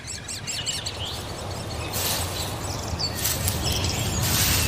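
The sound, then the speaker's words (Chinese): Hungry great spotted woodpecker chicks in a summer forest call in shrill, high-pitched chattering bursts as they are fed by a busy parent, growing louder and more insistent in the second half over a steady hiss of background noise. “大斑啄木鸟正忙着喂食贪吃的雏鸟。”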